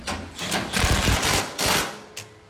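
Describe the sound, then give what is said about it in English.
An old car engine chugs and sputters in uneven, rattling bursts, loud and coarse, ending with a sharp pop before it fades. No one speaks. “Yes, all engines talk to you, especially when you get to know them.”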